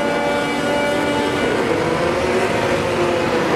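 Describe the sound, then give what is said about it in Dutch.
Formula 1 car engines revving to clear turbo lag, with a loud, sustained high-pitched whine and a dense roar, the pitch drifting slightly over a few seconds, continuous with no talking. “Nee, het zijn de Formule 1-auto's die zich aan turbo lag aan het ontdoen zijn.”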